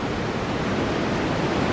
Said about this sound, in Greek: Θάλασσα. Αυτό είναι τώρα θάλασσα, είναι, αυτό είναι θάλασσα, μίξη με απορροφητήρα είναι